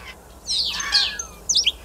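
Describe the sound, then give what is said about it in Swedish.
A starling sings, imitating other bird species: a bright sweeping whistle followed by a couple of quick, high chirps, clear over a quiet background with no talking. “Ska vi ta och lyssna på vad du och Mats Ottosson hör för andra djur här som staren härmar?”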